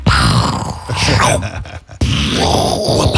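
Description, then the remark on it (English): A voice imitates a pirate cannon as a sound effect, with a loud, rough, groaning rumble that falters briefly, then bursts out again in a second sustained, gravelly blast. “That's right, hardly a pirate cannon.”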